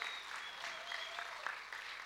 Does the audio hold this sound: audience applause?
yes